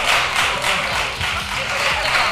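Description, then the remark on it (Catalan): Ironic applause from the left-wing benches of parliament, a dense, steady crackle of many hands clapping at an even loudness throughout, with no voices standing out. “Aplausos irònicos de la bancada de la izquierda ante el enfado de Provenç, que hablaba de mala educación.”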